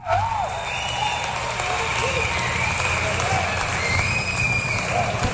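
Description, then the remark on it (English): An applause sound effect played after a song: steady, dense applause fills the whole stretch at an even loudness, a thick wash of clapping mixed with crowd murmur and a low rumble underneath. “I'll just play the applause sign for you.”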